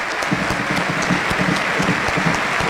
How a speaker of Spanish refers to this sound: Bueno, aplaudidísimo la Joya Farías. Deja la cancha el 38, afuera también Insaurralde.